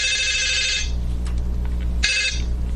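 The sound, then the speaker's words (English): A telephone rings in two bursts, each a bright trilling tone under a second long, separated by a short pause, with a steady low hum running underneath throughout, before the call is answered. “They exchanged telephone numbers, and then it was time for a phone call.”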